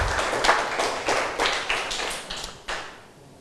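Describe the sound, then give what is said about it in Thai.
A group of students in a broadcast math class clapping their hands together, a dense patter of overlapping claps with a few stronger bursts, gradually thinning and fading out over a few seconds, with no voices. “ต้องครับปรบมือให้นักเรียนทุกคนหน่อยนะครับ”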